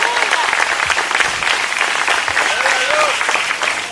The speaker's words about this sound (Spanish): Levántese y aplauso al Señor en esta hora.